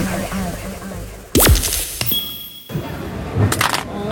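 A mobile phone drops and smashes with one loud crack, followed by a brief clatter and the faint tinkle of small pieces settling.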